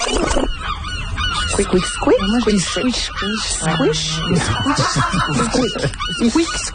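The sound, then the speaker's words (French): A person imitates a seagull with a run of nasal, squawking cries, fairly loud, repeated in quick bursts over several seconds, with other voices talking around them. “Non, je pense que tu penses avoir imité la mouette.”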